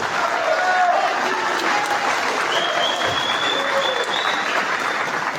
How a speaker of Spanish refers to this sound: Aplausos.